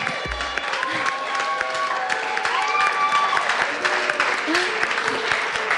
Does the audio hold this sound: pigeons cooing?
no